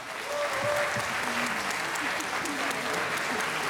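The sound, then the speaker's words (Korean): Steady, dense applause from an audience thanking the performers at the close of the 2022 citizen-participation Seongnam Arts Center (Artrium) Hanmaeum choir festival, a continuous wash of many hands clapping at an even level throughout, with faint voices murmuring underneath. “오늘 수고해 주신 여러분들께 다시 한번 큰 박수 부탁드립니다.”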